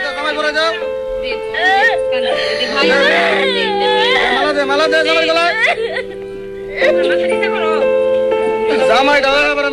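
A girl cries and screams in loud, high, wavering wails that rise and fall in long bursts, with a brief quieter pause before the sobbing surges again.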